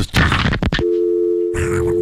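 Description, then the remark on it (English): A telephone busy signal sound effect, made in Philadelphia to mimic hanging up on a caller on radio, comes through loud and steady after a brief burst of rustling noise, its electronic tone droning on with more hiss rising over it near the end. “People really thought I was hanging the phone up, but I had a sound effect.”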